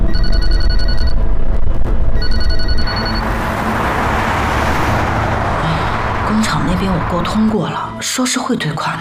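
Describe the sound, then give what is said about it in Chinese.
A telephone rings in two loud, bright bursts with a buzzy, bell-like tone, separated by a short pause, then gives way to a steady rumbling noise with faint voices beneath. “接电话，接电话。”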